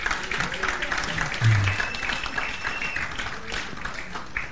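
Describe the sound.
An audience applauds steadily for several seconds, a dense, even patter of many hands clapping, with faint voices and a brief low thump mixed in.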